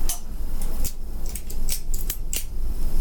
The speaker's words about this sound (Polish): Będę teraz powoli przekręcał skokowo ten zawór redukcyjny. On ma takie przeskoki, o. Przekręciłem dwa skoki. Jeszcze nie ma. Przekręcę kolejny skok.